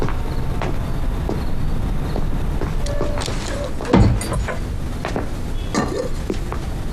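A door shuts with a single solid thud near the middle, over a steady low rumbling background with a few faint clicks and knocks scattered around it.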